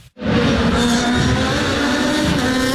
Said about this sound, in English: As the cars raced by, many fans were entranced by the sound of those engines. I just like the loudness, watching the cars racing. It's just a fun experience.